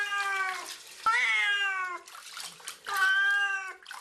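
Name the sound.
cat meowing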